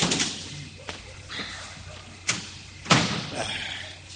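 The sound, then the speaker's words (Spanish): A wooden door is pushed shut with a few sharp knocks and thuds, the loudest near the end followed by a brief rattle. “Cierro la puerta.”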